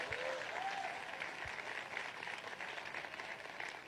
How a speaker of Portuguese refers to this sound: Aleluia, pode aplaudir o Senhor Jesus.